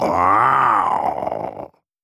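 A single drawn-out vocal growl given in reply to the question whether the tigers can be heard, about one and a half seconds, loud and throaty, starting as a voiced groan and breaking into a rough, rattling rumble. A person imitating an animal's growl.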